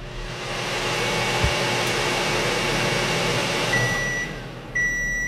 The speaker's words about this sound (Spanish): Vale. Ya se ha oído el pitido.